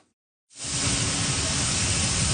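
Thousands of tons of Canadian durum wheat, bound for Europe, pour onto a ship at the port of Churchill on the Hudson Bay coast: a loud, steady rushing roar that starts abruptly after a brief silence and holds unbroken, with no voices.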